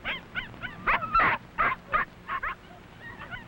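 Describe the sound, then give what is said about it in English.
Several high, thin yips and whimpers from the seven tiny puppies of Mac, a small dog, tumble over one another in quick, irregular bursts as they romp and play with their mother. Moderately loud, trailing off into softer squeaks near the end. “They like to romp and play with their mother, and she is very sweet with her tiny puppies.”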